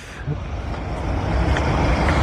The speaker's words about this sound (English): What's he going on there? Sounds like a lot of heavy traffic going past. A lot of traffic, yeah.